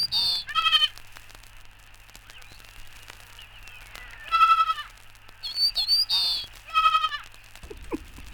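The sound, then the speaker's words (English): A young goat kid bleats several times in short, quavering, high-pitched cries, spaced irregularly over a steady low hum, with no one talking. “Un jeune cabri tient tête au bruyant cendrillard.”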